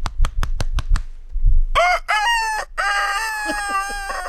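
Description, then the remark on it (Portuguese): A few quick taps give way to a voice imitating a far-off adult rooster on a neighbouring farm, its drawn-out cock-a-doodle-doo crow broken into several wavering, sustained phrases. “É o galo longe, do outro sítio.”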